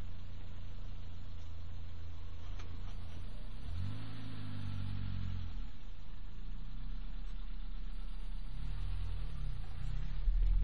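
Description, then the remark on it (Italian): A car engine idles steadily, then revs up and down in short bursts as the car is slowly parked, with a low rumble throughout and no talking. “Si parcheggia.”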